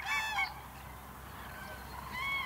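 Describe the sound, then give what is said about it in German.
Cranes calling as part of pair-bonding while preparing to breed: two loud, harmonically rich trumpeting cries, one at the start and another at the end, separated by a quieter stretch of faint background noise. No one speaks. “So funktioniert Beziehungsarbeit bei Kranichen und die Vögel bereiten sich aufs Brüten vor.”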